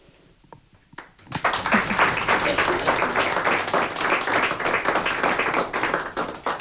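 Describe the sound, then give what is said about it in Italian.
A few scattered claps, then a full audience bursts into sustained applause, loud and dense with many overlapping hands, continuing steadily to the end, at the live afternoon gala concert marking the 77th birthday of Radio Capodistria and Radio Koper. “Un applauso anche per Simona.”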